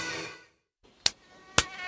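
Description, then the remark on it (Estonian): A high-pitched mosquito whine drones for half a second and fades to silence, followed by three sharp, loud smacks spaced out in quick succession. “Isegi selle, et sääsed söövad.”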